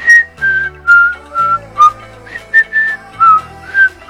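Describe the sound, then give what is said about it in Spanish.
A person whistles the Happy Birthday tune as a birthday greeting, clear, about ten bright pitched notes in a steady sing-song rhythm, with a faint low hum underneath. “Silbó el feliz cumpleaños.”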